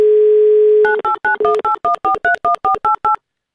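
A steady telephone dial tone hums for under a second, then gives way to a quick run of about a dozen crisp, loud touch-tone beeps as a radio show dials a listener's phone number in Krasnodar Krai.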